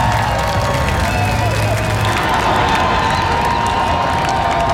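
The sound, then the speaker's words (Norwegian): A dense outdoor crowd of tens of thousands on Slottsplassen roars steadily with cheering and scattered applause as the men's national team World Championship heroes walk out, a continuous loud wash of many voices with no clear individual speech. “Gående samlet ut på Slottsplassen til jublende applaus og garden oppstilt, fikk VM-heltene endelig møte folket som har heiet dem frem.”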